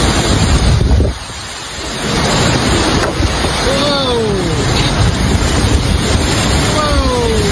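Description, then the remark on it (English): Loud, relentless tornado winds roar, briefly easing before surging back, with whistling, sliding tones cutting through the turbulent rush. “you got people upstairs on their balcony, you know, next to all the windows, like, yeah, the tornado is coming through.”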